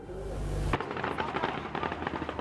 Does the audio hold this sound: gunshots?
yes